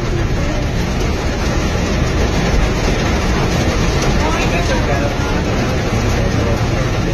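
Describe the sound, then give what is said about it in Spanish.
A downpour mixed with hail drums on a stopped Cablebús cable car at Charrería station in Mexico City, a loud, unbroken roar packed with rapid, crackling impacts that never let up. “Este audio está tomado desde el cablebús, que está completamente detenido mientras está cayendo el diluvio en la Ciudad de México.”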